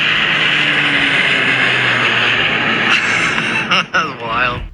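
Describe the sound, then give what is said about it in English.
A small propeller plane flies low overhead, close to the houses of a residential neighborhood, a loud steady engine drone with a humming propeller tone. Near the end the noise eases and a voice briefly speaks. “So you can see how close this plane was flying to the houses in our neighborhood.”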